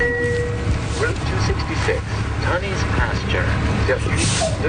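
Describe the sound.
An OC Transpo city bus, Route 266 to Tunney's Pasture, idles at a bus stop in Stittsville, Ottawa, very early in the morning, its engine a steady low rumble over street noise, with faint indistinct voices and chirps in the background throughout.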